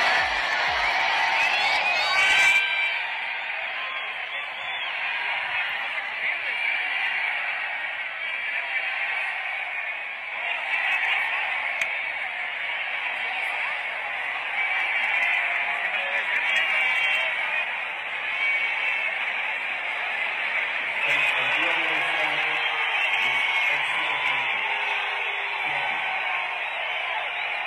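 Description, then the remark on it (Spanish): A large concert crowd in Las Vegas boos and jeers in a loud, continuous roar that barely lets up, after being told the concert was cancelled. Near the end, a faint amplified voice through a loudspeaker, telling the crowd the concert is suspended, comes through beneath the din. “Oye, los abucheos y todo, al final ustedes alcanzan a escuchar un poquito de cuando le están diciendo como por un altavoz a toda la gente de, oigan, lamentablemente el concierto se suspende.”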